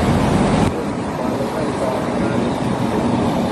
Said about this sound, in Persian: نگاه کن الان گاز میره، ماشین گازی میره، ماشینای یخچالی، ببینید یخچال، چادر، هیچ کدوم نمیذارن بره.